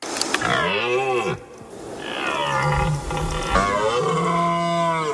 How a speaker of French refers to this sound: Alors vous aussi, écoutez le brame du cerf et j'ai 72 secondes pour vous convaincre. C'est le grand départ. Chaque année, la mi-septembre sonne le retour du brame.